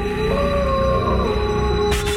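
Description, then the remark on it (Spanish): A single long, sustained wolf howl holds a steady pitch for about two seconds, loud, ending with a short burst of noise; the howl of the station Lobo 97.7. “Porque ustedes mandan. Y nosotros aullamos.”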